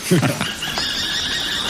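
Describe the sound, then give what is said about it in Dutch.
A pair of falcons calling outdoors: a few quick, harsh notes followed by a long, thin, high-pitched cry, against a faint background hiss. “Hey, en hoor je dat? Dat is een paardje valken.”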